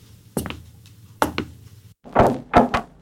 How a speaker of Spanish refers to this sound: Morton se despertó cuando llamaron a la puerta.